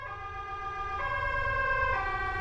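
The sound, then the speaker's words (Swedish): An ambulance siren wails steadily as an ambulance arrives at a marathon, its tone stepping between pitches, with a low rumble of road traffic underneath; no one speaks. “Sen så ligger jag där och får hjärt- och lungräddning i 16 minuter innan en ambulans kommer.”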